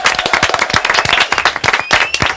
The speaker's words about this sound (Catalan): Ja està, ho deixem aquí. Fort aplaudiment.